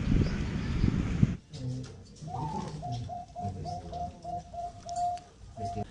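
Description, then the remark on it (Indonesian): Zebra doves at the Ring Abobil Beet Farm, a zebra dove breeding farm in Tuleng village, Torjun district, Sampang, Madura, coo in a quick, rhythmic series of soft, mellow notes, several birds overlapping, preceded by a brief burst of rustling noise at the start. “Ring Abobil Beet Farm, peternakan burung perkutut milik Kyai Haji Abdul Aziz Ali di Desa Tuleng, Kecamatan Torjun, kini berhasil menembus pasar internasional.”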